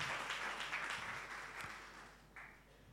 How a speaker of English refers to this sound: Well, I'm sure you can do better with the applause, please. Thank you.